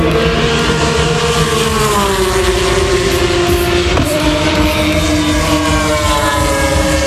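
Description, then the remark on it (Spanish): Loud, continuous roar of Formula 1 race car engines at the Spanish Grand Prix in Madrid, high-pitched and whining, with the pitch sliding slowly downward and a sudden shift midway as cars pass by. No voices. “Suena la Fórmula 1 en Madrid.”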